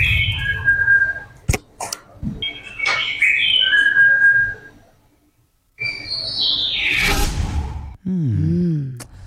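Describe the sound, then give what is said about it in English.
Birds singing in tropical North Queensland: clear whistled phrases and quick chirps repeat in bursts, with a brief quiet pause midway before the calls resume, joined by a lower warbling note near the end. “Birds, yeah, is to birds singing.”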